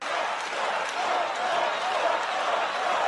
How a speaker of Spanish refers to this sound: él mismo dijo en estos días en un acto, abro comillas, podría decir las cosas más estúpidas y ustedes aplaudirían. ¿Y qué pasó? Lo aplaudieron.